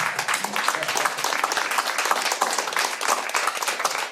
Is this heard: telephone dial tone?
no